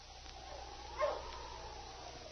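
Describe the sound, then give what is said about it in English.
A single short bark from Sergeant Preston's sled dog team, stopping at the trading post at Cree's Crossing, rises briefly out of a steady hiss of background noise, then fades, leaving only the faint, even hum. “It was a few days later that Sergeant Preston drove his dog team to Cree's Crossing and stopped at the trading post of Pierre Dorme.”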